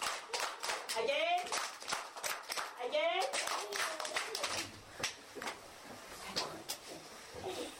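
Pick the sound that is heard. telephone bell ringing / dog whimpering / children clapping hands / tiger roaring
children clapping hands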